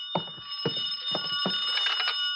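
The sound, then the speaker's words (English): A telephone rings with a steady, shrill bell tone, pulsing in quick regular beats. It sounds muffled, ringing from somewhere inside room 309, with no one speaking. “I could hear the phone ringing from somewhere inside, so I waited to see if anyone answered it.”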